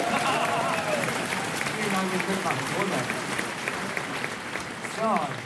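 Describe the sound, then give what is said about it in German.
A concert audience applauds steadily and loudly for several seconds, a dense wash of clapping with scattered voices and brief cheers rising through it near the end. “Das Publikum war begeistert und Julia Wendt bestätigte damit auch, dass er sich stark für die musikalische Früherziehung und für den Nachwuchs einsetzt.”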